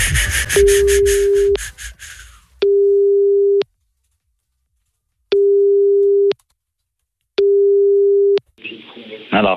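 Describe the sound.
A telephone ringing tone sounds while a call to someone's boss connects: four long, steady mid-pitched beeps separated by silent pauses. Rustling and muffled voices come before it, and a voice follows.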